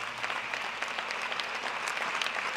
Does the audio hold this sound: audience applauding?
yes